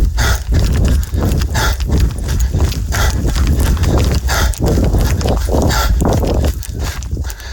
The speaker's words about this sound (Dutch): En dit is geen hijgen, maar hardlopen waarbij het niet helemaal lekker gaat.